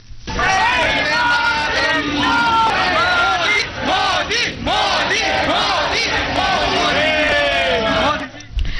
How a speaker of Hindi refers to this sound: इसके बाद पूरा स्थल मोदी मोदी और वंदे मातरम के नारों से गूंज उठा।